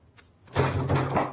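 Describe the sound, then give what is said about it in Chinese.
After a brief quiet moment, a loud, rattling bang on a door begins and continues steadily to the end, with no talking. “开门啊！有没有人啊？”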